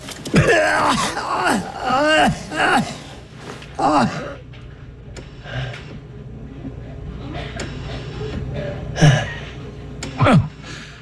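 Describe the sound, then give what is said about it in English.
A man, a patient, gasps and draws ragged, effortful breaths on his own, with several sharp intakes over a low steady hum, and brief voiced sounds in between. “You're breathing on your own. He's breathing on his own.”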